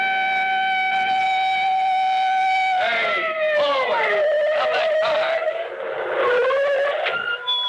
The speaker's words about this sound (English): that siren. It's a police car behind us.